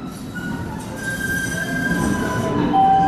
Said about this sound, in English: The next big train to Boston College is now boarding. I took the Green Line and got off at Harvard Ave in Allston.